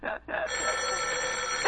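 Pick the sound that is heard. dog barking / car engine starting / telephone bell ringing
telephone bell ringing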